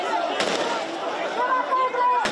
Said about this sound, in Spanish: En varias ocasiones se han escuchado disparos al aire.